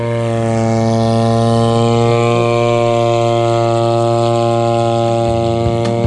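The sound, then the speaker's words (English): A drone (unmanned aerial vehicle) in flight, used against wilding pines and weeds on a hillside in South Canterbury, New Zealand, gives off a loud, steady buzzing drone. It is a stack of even tones that holds level, with a faint rising whine in the upper pitch and a brief shift near the end. “It is classic onomatopoeia, the droning sound of a drone in flight, a.k.a. a UAV or unmanned aerial vehicle.”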